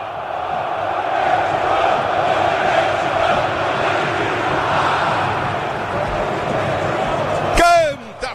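A huge stadium crowd of Corinthians football fans sings and chants together at the Corinthians arena before a match against Rosario Central, in a dense, sustained roar that fills the space, with a sudden sharp burst of sound just before the end.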